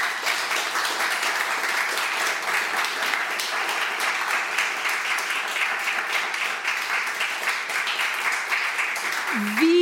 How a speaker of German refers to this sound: An diese tolle Runde einen großen Applaus, bitte.